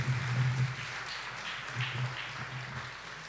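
Steady applause from a concert audience for the Jazz FM team, a dense, even patter of many hands clapping that holds at a fairly constant level for the whole stretch, with a low hum underneath.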